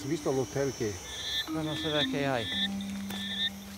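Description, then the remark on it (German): Frogs calling at night in the forest of the Reserva Otonga reserve: bursts of rapid, pulsing croaks, with high, whistle-like chirps repeating in the background over a steady low hum. “Mit der Dunkelheit werden die Frösche in der Reserva Otonga aktiv, wie Giovanni Onore das Gebiet inzwischen benannt hat.”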